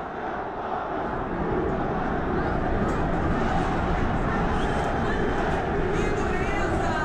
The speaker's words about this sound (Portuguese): Nem foram muitas vaias, mas são muitos protestos dos torcedores.